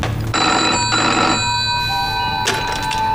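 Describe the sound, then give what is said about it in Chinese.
A telephone rings loudly and continuously with a bright, metallic bell tone in short pulsing bursts with no one speaking; it is a call from a marine corps field hospital. “喂， 刚才接到陆战队野战医院的电话”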